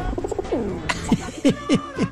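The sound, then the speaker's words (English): A bird coos in a steady series of low, soft hoo notes, about five in two seconds, each sliding slightly downward, with no talking. “Did I hear that? Hoo, hoo, hoo.”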